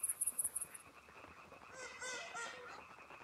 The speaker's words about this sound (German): Die Dämmerung ist Startsignal für abertausende eifriger Sänger. Zusammen beginnen sie ein vielstimmiges Konzert aus Quaken.